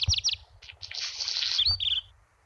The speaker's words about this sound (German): Das ist ein Hausrotschwanz, den ihr da hört.